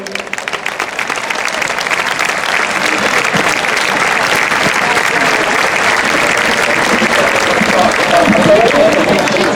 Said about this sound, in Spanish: demos un fuerte aplauso al grupo …